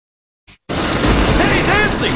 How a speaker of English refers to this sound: This hailstorm is no joke!